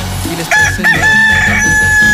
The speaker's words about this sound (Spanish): Ay, ay, ay, qué bonito, qué chulo canta mi gallo. Bien contentote mi gallo, así como el dueño. Así le canta para animarlo y motivarlo y que se despierte muy bonito hoy.